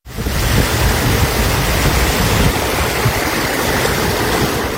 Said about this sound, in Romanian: Rupere de nori și în județul Constanța, la Lipnița, puhoaiele de apă au inundat străzile.